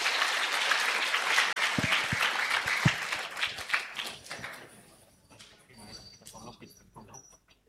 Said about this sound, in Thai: ค่ะขอเสียงปรบมือให้ท่านนายกเราด้วยนะคะขอบคุณค่ะ